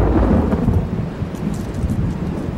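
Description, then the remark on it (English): A deep, sustained rumble of thunder rolls over steady rain, loud and continuous throughout, with no voices present. “While he was still a few miles from home, a thunderstorm broke on the horizon.”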